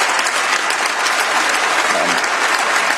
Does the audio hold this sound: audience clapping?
yes